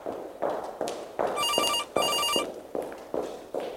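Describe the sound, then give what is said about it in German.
Two insistent bursts of a trilling telephone bell ring out amid a steady patter of distant footsteps, heels clicking along a hard floor at a brisk pace that speeds up. “Entferntes Gestöckel, dann ein läutendes Telefon.”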